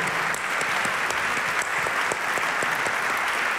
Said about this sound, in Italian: Un applauso innanzitutto per ….